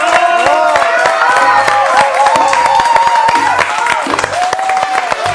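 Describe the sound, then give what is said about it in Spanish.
A studio audience on a show claps loudly and steadily throughout, with whoops and cheering voices rising over the dense, continuous applause. “¡Fuerte aplauso en este programa!”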